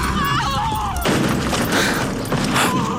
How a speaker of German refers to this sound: Oh, Allmächtige, die Kutsche ist umgestürzt. Es schien fast so, als ob die schwarzen Pferde vor dem Marienstandbild in der Kurve gescheut hätten.